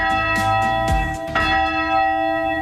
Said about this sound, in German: Er lässt die Glocke läuten, wenn er mit Verstorbenen in seinem Leichenwagen am Turm vorbeifährt.